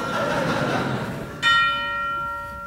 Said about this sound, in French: La Vierge, je me demande si ça serait pas bien pour la mort si elle disait sonnez le glas, la Vierge est là.